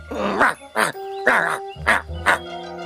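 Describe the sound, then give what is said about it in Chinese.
A voice imitates a dog, pretending to be the pet dog Banban, with five short, loud barking yelps in an uneven rhythm, while steady musical tones hum underneath. “你会学狗叫吗？ 学狗叫。”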